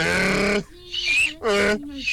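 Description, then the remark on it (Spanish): A child's voice imitates a donkey's bray, with loud, harmonic hee-haw bursts alternating with lower, softer drawn-out tones, repeated twice over about two seconds. “Yo sé invitar a un burro.”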